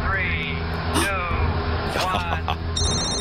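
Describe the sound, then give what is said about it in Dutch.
An alarm rings with steady, sustained electronic tones, ending in a burst of bright, high-pitched beeping over a busy background with brief voice-like sounds. “Ja, dit klinkt wel als een alarm.”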